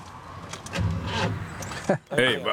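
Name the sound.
car engine cranking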